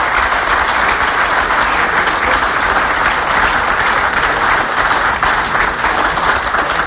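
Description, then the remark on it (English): A large audience claps steadily and loudly for about seven seconds, a dense, continuous wash of hand claps with no voices standing out. “I think that deserves a round of applause.”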